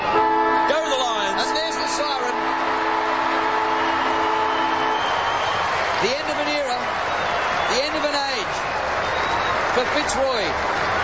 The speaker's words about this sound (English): But here is, as we head to the break, 30 years today since Fitzroy played its final ever AFL game against the Fremantle Dockers, and here's the final siren.